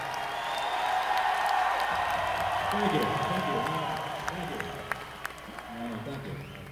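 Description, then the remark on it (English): An audience applauds steadily for drummer Chad Cromwell, from Eureka, California, in a dense wash of clapping, with scattered cheers and voices rising through it; the applause thins slightly in the last couple of seconds. “Give him a big hand.”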